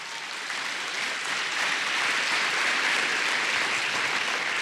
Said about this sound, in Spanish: Si va a aplaudir a Dios, dele.